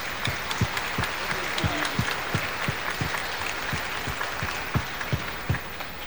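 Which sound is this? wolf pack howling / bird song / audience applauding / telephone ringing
audience applauding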